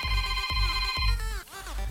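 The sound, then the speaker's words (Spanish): Electronic phone keypad tones dial 929 to enter a karaoke game on La Qué Buena radio, over a steady synthetic backing, with a few sharp beeps punctuating the sustained, bright tones. Loud, with no talking. “Hazme un favor, apachurra en tu teléfono 929.”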